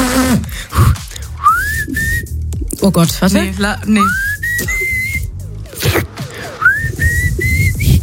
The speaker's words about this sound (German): Nee, ich muss total lachen. Ich kann nicht pfeifen, wenn ich lachen muss.